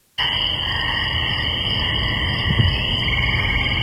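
A steady nighttime spring chorus of distant frogs and crickets, high insect trilling layered over a constant hiss of a babbling, unfrozen stream, starting abruptly and holding level throughout with no voices.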